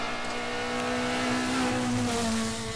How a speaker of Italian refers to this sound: Sì, stanno iniziando ad arrivare le vetture qui al parco assistenza. C'è stato un momento di pausa, invece adesso stanno rientrando.